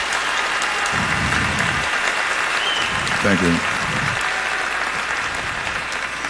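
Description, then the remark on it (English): Steady audience applause for a performer at an evening stage performance with an organ group quartet fills the whole stretch, a dense, even clatter of many hands clapping, while a voice briefly speaks over it in the middle. “Let's give … a nice round of applause.”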